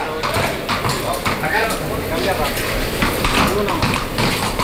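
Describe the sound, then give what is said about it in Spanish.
Horse hooves clip-clop irregularly as a horse is changed for the banderillas stage of a mounted bullfight (rejoneo), mixed with faint background voices and a steady ambient rumble. “Está cambiando el caballo. Está eligiendo el caballo que va a salir ahora en banderilla.”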